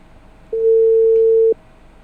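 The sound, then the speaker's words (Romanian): A single one-second telephone ringback tone, a steady mid-pitched beep of an outgoing live call to a listener ringing on the line, heard alone over faint background hiss with no talking. “Nu se întâmplă foarte des să telefonez eu în direct ascultătorilor, de obicei primesc telefoane, n-am invitații foarte des la telefon și de-aia n-a prea am exercițiu.”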